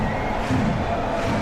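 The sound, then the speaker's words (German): A stadium crowd cheers a headed goal by SV Hemeling, their first ever goal in the DFB-Pokal, scored when trailing 0:7. The cheer is a dense, sustained roar of many voices, loud and steady throughout with no pauses, the celebration swelling slightly midway. “Und dementsprechend der Jubel.”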